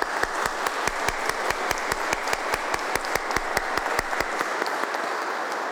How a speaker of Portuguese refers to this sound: Saudemos o Sagrado Coração de Jesus com uma grande salva de palmas.